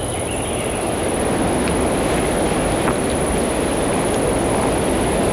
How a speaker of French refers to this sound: C'est la brise du vent qui passe dans la forêt. Forêt de conifères avec ses troncs dressés comme des mâts.